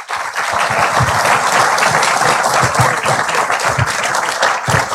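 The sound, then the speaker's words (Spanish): Loud, sustained applause from a large crowd welcoming Ecuador's President Daniel Noboa Acín to address the country and El Oro province, a dense wash of many hands clapping steadily for several seconds without pause, with no voices standing out above it. “Recibámoslo con fuertes aplausos.”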